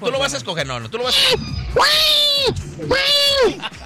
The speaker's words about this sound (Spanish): Este sí es un gato, para que veas. Sí, este sí es un gato, ¿ya viste?